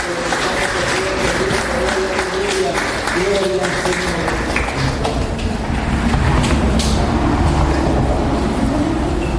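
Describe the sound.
A church audience applauds the Lord steadily for several seconds, a dense, continuous clatter of clapping, with raised voices calling out and shouting over it throughout.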